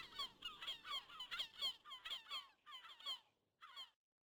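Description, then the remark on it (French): Herring gulls calling overhead in the Baie de Somme: a rapid run of about a dozen harsh, yelping cries, a brief pause, then one last call. No voices, and the sound comes across fairly soft. “Il y avait le Jean, quand il revenait, il entendait tous ces goléons argentés au-dessus de lui quand il revenait de l'école.”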